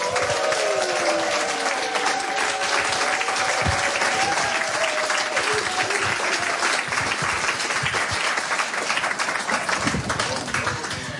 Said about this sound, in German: Bitte begrüßen Sie mit einem von Herzen kommenden Applaus.